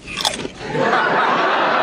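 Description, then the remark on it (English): A crisp crunch as Johnny bites down on a potato chip from his own bowl of potato chips, a few brittle cracks up front, then a steady rustling crackle that carries on to the end. “And she heard Johnny crunch down on a potato chip, and she almost had a heart attack.”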